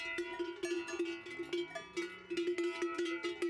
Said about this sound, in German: Was wäre das Allgäu ohne Kühe, ohne Rindviecher, ohne Alpen? Allgäu und Kuhschelle gehört auf jeden Fall zusammen.